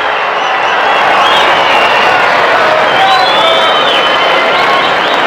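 A large baseball stadium crowd at a Cardinals game roars steadily throughout, a dense wash of cheering with a few shrill whistles rising above it. No one speaks.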